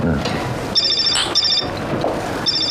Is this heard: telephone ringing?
yes